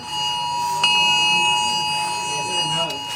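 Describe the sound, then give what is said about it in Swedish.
A phone's emergency alert alarm, sent as a test of the alert system, blares continuously while the phone vibrates, a loud, steady piercing tone with harsh harmonics, with a few brief clicks and faint background noise underneath. “Först kom larmet som både tjöt och vibrerade.”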